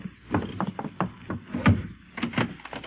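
Someone knocks on the wooden door of a new house in Philadelphia in several quick bursts of sharp raps, loud, with short pauses between the rounds of knocking and no voices.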